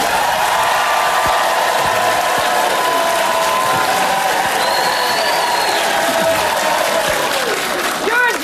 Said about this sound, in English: So if you want to have that moment right there, okay, just everybody applaud and then die down.